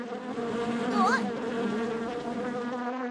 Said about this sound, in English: Buzz, buzz! Bees! Run away! Buzz, buzz, the bees buzz. They chase the Pizza Musketeers.